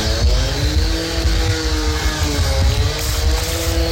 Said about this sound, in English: Hang on. Is that a leaf blower or a chainsaw? Whatever it is, it's illegal. It's 8:36. What do you mean it's illegal? Well, it's night time. People Wait, are sleeping. Is it a leaf blower or a chainsaw? It sounded like a mulcher and a lawnmower.